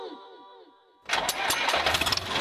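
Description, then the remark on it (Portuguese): A tractor engine cranks with a whining starter for about a second, then catches and roars into a loud, rough, steady running rumble. “O trator não entra, tá tudo molhado.”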